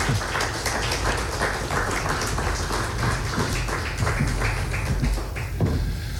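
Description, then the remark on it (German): Audience applause at a poetry reading, welcoming the authors Michael Augustin and Bärbel Wolfmeier onto the stage: a steady, dense patter of many hands clapping at once, fairly loud and sustained throughout with no voices over it. “Dazu möchten wir Sie jetzt verleiten, gleich mit den ersten beiden Autoren, die ich hier, ich hoffe, mit einigen Beifall auf die Bühne bitten darf.”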